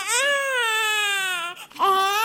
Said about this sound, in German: Das war also ein japanisches Weinen. Sie haben das erkannt an dem Tonakzent, den man hier hörte, mit dem schnellen Anstieg der Melodie und dem langsam bogenförmigen